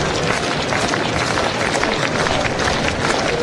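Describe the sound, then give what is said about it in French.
A large baseball stadium crowd roars steadily during a game, a dense wash of cheering and chatter that stays loud and full throughout, with scattered shouts and claps blending into the noise. “La foule qui s'anime”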